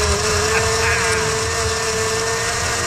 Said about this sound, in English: And then we play Hack-a-Hunk, and he also is committing a coup de blender here as we go with the Big E frozen vodka lemonade.